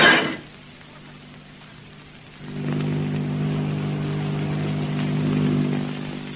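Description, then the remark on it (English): After a brief burst and a quiet pause, a steady droning of airplane engines rises in, a low, even hum with layered tones that swells slightly as it holds, from a great silver plane coming in to land. “What's that? It's a plane. Motors.”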